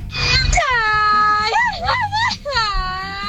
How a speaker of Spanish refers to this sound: Oye, tenemos otro grito de charro.